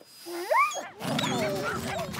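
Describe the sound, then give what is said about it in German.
A dog gives a rising, whining yelp, then a noisy burst of excited barking follows and carries on, loud and busy, with no voices. “Habt ihr einen Hund gekauft? Nein, ich bin jetzt Hundesitterin.”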